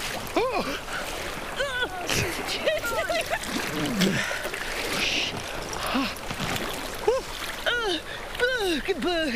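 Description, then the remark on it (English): Steady splashing and sloshing of someone wading through cold water up to the navel, with voices exclaiming and murmuring over the churning water throughout. “That's right up to where no man ever wants cold water.”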